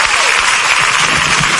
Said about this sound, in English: Amen. Amen. Oh, clap for Jesus.